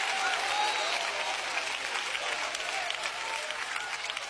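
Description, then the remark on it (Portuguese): An audience applauds steadily, a dense wash of many hands clapping at once that holds at a fairly even level throughout, with faint crowd voices mixed in, applauding in praise of Jesus during a church service. “Não há problema você glorificar e nem dar aplausos para Ele.”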